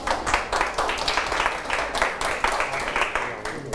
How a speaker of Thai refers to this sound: นักเรียนปรบมือกับเพื่อนด้วยครับ